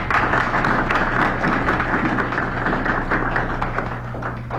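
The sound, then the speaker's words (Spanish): A crowd applauds loudly and steadily, a dense wash of many hands clapping at once that carries on for several seconds and eases off slightly at the end, with no voices over it. “Su fuerte aplauso.”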